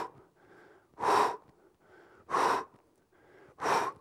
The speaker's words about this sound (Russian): Здесь мы тоже дышим правильно. Поднимая ногу, мы делаем выдох.